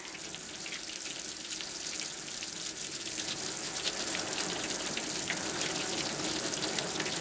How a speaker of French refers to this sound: C'est qui fait tomber la pluie? Des fois, je me demande, c'est qui fait tomber les gouttes d'eau de là-haut, hein?